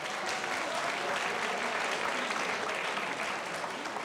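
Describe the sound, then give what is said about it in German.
An audience claps steadily, a dense wash of many hands with no breaks for the full four seconds, greeting a student of the Keramiko-Fachschule ceramics school as he comes onto the stage, in Burgenland. The crackling texture stays at an even loudness throughout, and there is no talking. “Schön, das ist ein Applaus.”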